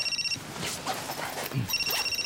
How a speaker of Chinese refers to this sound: 哎，电话。